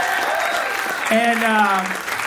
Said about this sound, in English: Round of applause for him, by the way, very funny guy.